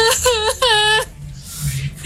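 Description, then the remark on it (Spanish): A voice imitates a woman's desperate crying: two loud, quavering wails with wavering pitch, then a breathy, sobbing fade into quieter noise. “y se comenzó a escuchar en la calle, en el frente, como alguien que lloraba, una mujer que lloraba, pero lloraba desconsolada, era un llanto fuerte y horrible, se escuchaba así como...”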